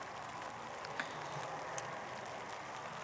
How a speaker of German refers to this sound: Also laut Regenradar haben wir jetzt noch so eine halbe Stunde so Nieselregen.